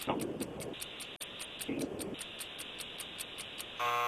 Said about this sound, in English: There is your buzzer with just 2 correct answers.